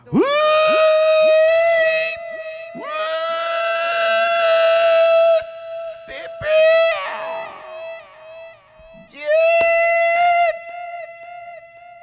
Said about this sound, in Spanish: Eso es un grito de Guanacaste